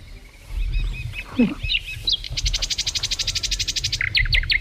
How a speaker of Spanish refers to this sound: Pero el silbidito este parece mal, ¿no? Sí. Pi, pi, pi, pi. A ver, puede ser una calandria, un ruiseñor, un águila imperial o un gorrión común.